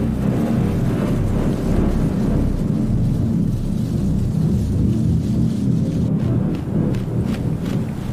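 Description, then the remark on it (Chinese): A continuous low, heavy rumble fills the whole stretch, like rolling thunder mixed with gusting wind of an oncoming storm, steady and loud with no voices. “欧歌冬妈妈加紧捕捉昆虫，她也在为暴风雨做准备。”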